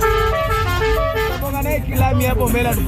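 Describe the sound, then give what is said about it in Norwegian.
Loud matatu minibus horns honk in repeated toots over dense, rumbling street traffic in Nairobi, with voices mixed into the busy roadside din. “Med Matatu mener hun bussene som I flere tiår har dominert I Nairobi.”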